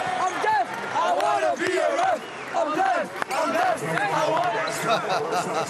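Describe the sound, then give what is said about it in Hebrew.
A large basketball crowd chants "I'm deaf, I wanna be a ref" in unison, rhythmic and loud, with many voices blending into a steady roar throughout. “רגע, מה הם שרו? I'm deaf, I wanna be a ref?”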